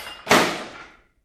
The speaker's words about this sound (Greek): Θεέ και κύριε. Τι. Έριξε τον ταβλά.